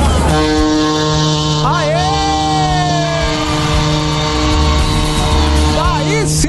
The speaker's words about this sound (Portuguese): Sim, ó, buzinou bonito esse aqui. Agora vai acabar, já tá acabando o buzinaço, gente.